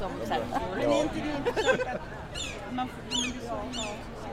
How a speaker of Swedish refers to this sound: Hör ni måsarna? Ja, nu är vi mitt i Almedalen, eller strax något utanför alldeles snart. Så är klockan 12.35 här på onsdagen i Visby